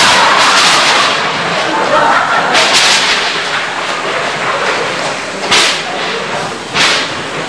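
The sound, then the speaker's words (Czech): Loud thunder over a steady roar of rain or wind, with three sharp crackling booms breaking through the constant storm noise. “Zatrolené počasí. Nebýt té bouřky, už bych tam byl.”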